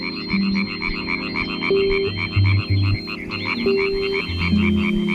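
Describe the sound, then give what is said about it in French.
A dense chorus of European tree frogs (Hyla arborea) croaking at a forest pond in Switzerland, in rapid, rattling pulses, loud and continuous, with buzzy overlapping calls and a few steady lower tones running beneath. “La rainette verte qu'on entend croasser se reconnaît facilement à sa couleur et au disque adhésif qu'elle porte au bout de ses doigts.”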